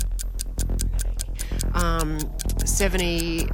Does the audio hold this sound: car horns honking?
no